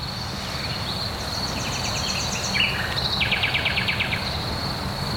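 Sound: nightingale singing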